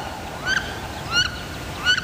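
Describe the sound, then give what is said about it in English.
Three rising, squealing whistled calls of a wood duck, a crested freshwater duck, evenly spaced about every two-thirds of a second, moderately loud over a steady background hiss. “This is WSHU's Birdsong Break. This week, it's the wood duck.”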